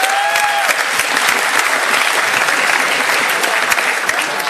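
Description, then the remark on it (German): A crowd claps steadily for themselves on Banana Split Thursday after 206 banana splits have been eaten, a dense wash of many hands at an even, sustained loudness from start to finish, with a brief high whistle-like tone near the beginning. “Applaus für euch.”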